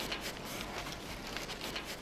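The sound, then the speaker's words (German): Piglets excitedly snuffle and root around, nosing everything, a soft, continuous rustling broken by quick breathy snorts and scuffs, with no voices. “Aufgeregt wird alles berüsselt.”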